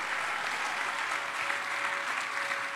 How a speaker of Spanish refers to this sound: ¿Cuánto le damos gloria a Dios? Démosle un aplauso al Espíritu Santo de Dios, a su nombre, gloria.